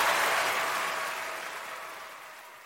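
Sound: audience clapping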